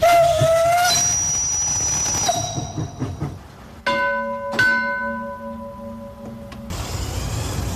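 A model steam locomotive gives several shrill whistle blasts, some long and some short, while its engine chuffs and hisses steadily underneath, with no talking.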